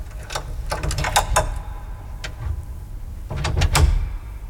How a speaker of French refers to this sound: Et maintenant, avec un peu de sueur sur les tempes et un peu de honte au cœur, je sors de ma poche le même crochet et le glisse dans la serrure de la première petite porte.